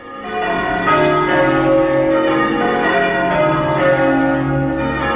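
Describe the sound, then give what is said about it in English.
Church bells peal loudly and continuously for a wedding, several bells overlapping in a rich, ringing wash of tones that swells in quickly and sustains throughout, with no voices. “But now, ear defenders on, ring them bells, it's wedding time.”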